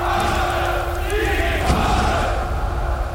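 A vast crowd of men and women in Germany roars steadily as columns march carrying small red swastika flags; many voices cheer and shout together in a dense, continuous wall of sound that stays loud throughout, with no pauses or individual speech standing out.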